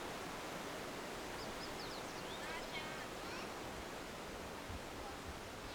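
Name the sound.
clear mountain stream flowing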